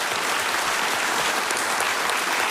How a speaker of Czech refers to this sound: Takhle vám tleská Havlíčkův Brod. To víte, my už jsme si na to zvykli, vy si teprve musíte zvykat.